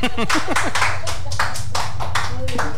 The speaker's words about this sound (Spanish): Los aplausos.